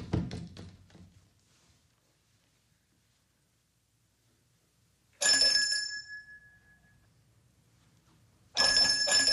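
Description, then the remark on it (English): A doorbell rings twice, while the door is open, with bright, clanging tones that linger and fade, separated by a few seconds of near silence; the second ring is cut short. Some faint knocking and shuffling come first. “Never saw any use ringing a bell when the door was open.”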